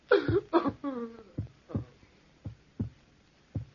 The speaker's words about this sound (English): Listen to the heart beat its last beat. It's dead. It's dead.